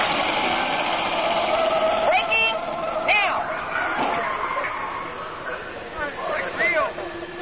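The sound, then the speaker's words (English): A car brakes hard at speed up to cones on a vehicle test track while the driver tries to steer through, its engine and road noise roaring steadily while tires let out several short, high squeals, with faint indistinct voices underneath. “Okay, I'm going to take you right up to the cones, hit the brakes, and see if I can steer you through.”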